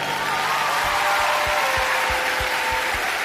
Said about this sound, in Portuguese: Um forte aplauso para ela.